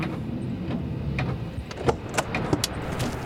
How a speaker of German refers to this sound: Ich parke direkt hinter ihm. Er kennt ja mein Auto nicht.